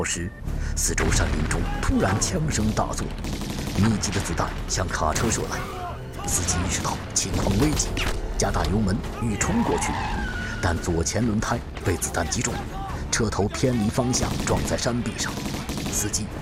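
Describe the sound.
Dense, rapid gunfire crackles continuously as bandits in the surrounding mountain forest ambush a truck carrying Zhou Enlai in a hollow at Laoshan around noon, alongside the truck's roaring engine as the driver speeds up and its skidding tires, loud, with voices mixed into the chaotic din.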